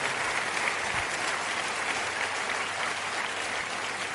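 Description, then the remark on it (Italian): Steady, dense applause from an audience, many hands clapping continuously at an even loudness for the whole stretch, with no voices standing out. “Io vedo veramente una platea bella, ricca, e fatevi un applauso perché rappresenta veramente l'Italia.”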